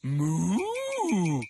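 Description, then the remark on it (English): A single loud cow moo, drawn out for about a second and a half, its pitch sliding up and then back down, with no other sounds around it. “Moo! She says you should go Mecha Giant.”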